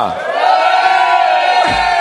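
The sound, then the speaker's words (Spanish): A large live audience in León, Spain roars and shouts together on request in one sustained, loud collective yell that fills the space for about two seconds, with no clear individual voices standing out. “¿Tú crees que si yo le pido a la gente de León que pegue un grito, que lo oigan en Valencia, en toda España, que estamos conectados 51 emisoras ahora mismo, lo harán?”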